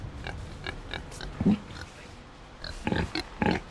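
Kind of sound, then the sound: animal, pigs grunting and oinking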